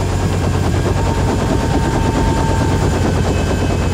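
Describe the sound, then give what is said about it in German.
A loud helicopter approaching to land on a field next to a headquarters, its rotor beating in a rapid, steady chop over a heavy engine roar that fills the whole recording, with no voices. “Okay, da kommt der fliegende Bagger. Das Spektakel beginnt. Was macht der? Will er hier landen?”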